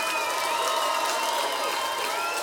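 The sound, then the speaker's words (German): A concert audience applauding a band at the BBC Radio 6 Music Festival in Manchester on 28 March 2026, dense and steady clapping with cheers and a few high whistles running through it, loud and continuous throughout. “Der Applaus”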